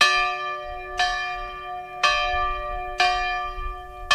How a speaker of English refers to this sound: But the school year started off as it has for the past 110 years here, with the ringing of the original schoolhouse bell.